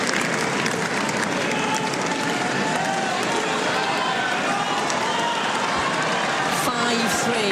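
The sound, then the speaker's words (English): A large tennis crowd on centre court cheers and applauds loudly and steadily for the whole stretch as Linda Noskova leads 5-3 in the final set and gets to serve out the match, a dense wash of clapping and shouting voices with no pause or letup. “A loud cheering in round centre court.”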